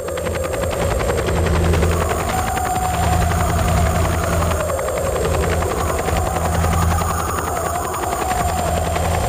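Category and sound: vehicle, helicopter flying overhead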